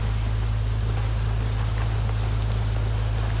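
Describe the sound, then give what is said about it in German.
A red speedboat approaches at speed in thick fog, its steady, low engine droning continuously with a constant deep hum and a wash of water noise over it. No one speaks. “Hörst du das auch? Da kommt ein Boot.”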